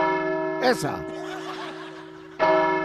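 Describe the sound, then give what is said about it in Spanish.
A voice imitates a church bell with a steady, ringing tone held throughout. It is briefly interrupted by a short burst of laughter before the ringing swells back up, loud. “El cura con la sotana colgada de las campanas. Esa campana es muy grande, curita.”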